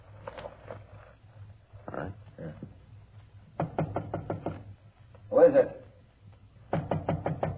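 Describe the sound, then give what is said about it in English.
Two bursts of sharp, rapid knocking by police officers on the door of apartment number 408, each a quick run of six or seven firm raps, with a man's voice speaking briefly before and between them. “I get the door.”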